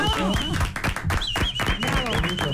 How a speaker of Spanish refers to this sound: Un aplauso, por favor.